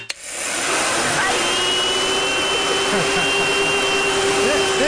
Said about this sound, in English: Or is it a hair dryer?